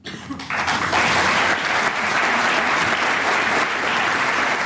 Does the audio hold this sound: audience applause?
yes